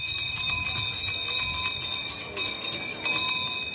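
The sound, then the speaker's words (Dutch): A town crier's hand bell rings steadily and continuously during a town crier contest in the centre of Rijssen, on a hot day, its bright metallic clang repeating in a quick, even rhythm with high ringing overtones, loud and with no voices over it. “Ondanks de hitte trokken de deelnemers in historische kleding luidroepend en bellend door de binnenstad.”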